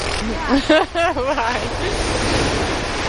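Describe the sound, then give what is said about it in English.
Ocean waves at a beach make a steady, rushing wash of surf throughout, where sheep are walked along the edge of the water, with a person speaking briefly over it near the start before the surf continues alone. “I like to walk them along the edge of the water.”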